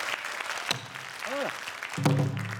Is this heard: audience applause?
yes